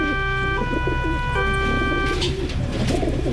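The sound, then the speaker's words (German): Pigeons coo in soft, throaty, warbling bursts over a steady, loud tonal hum and a rumbling background, with a brief hiss near the end. “Es gibt ja Menschen, die kriegen bei diesem Geräusch hier schon sofort Aggressionen. Ja, das sind Tauben.”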